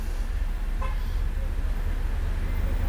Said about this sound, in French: Boulevard Saint-Germain, tout un flot de voitures